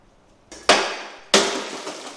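A tempered glass pane, lightly knocked on its edge, shatters entirely in sharp, bright bursts of crackling, two loud cracks, each trailing off in a hissing shower of fragments. No voices.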